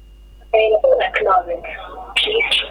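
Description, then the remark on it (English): A recorded network announcement plays over a phone line saying the number is not available at the moment: a thin, telephone-filtered automated voice speaking steadily for a few seconds, clearly audible. “Ladies and gentlemen, as you can hear, the number you doubt is not available at the moment.”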